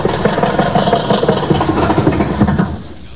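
The body of a broken-down old automobile rattles and clatters after its motor has been turned off, in a steady, dense mechanical shudder for about three seconds, fairly loud with quick uneven knocks throughout, easing slightly at the very end.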